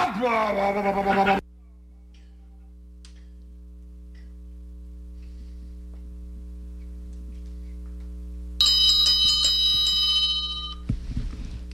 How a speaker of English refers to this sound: I guess that was your 729-30 bell. That was. A phone call started coming in, so it dampened it a little bit.